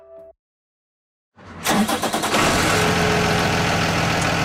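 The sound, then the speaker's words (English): A big yellow school bus engine cranks over after a short silence, catches with a few uneven revs, then settles into a loud, steady diesel idle. “It's one of those big yellow school buses, the kind so many of us have taken to school, bumping around in those vinyl seats”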